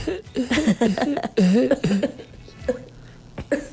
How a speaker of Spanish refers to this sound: No, estamos aquí escuchando tu tosido. ¿Cómo toses?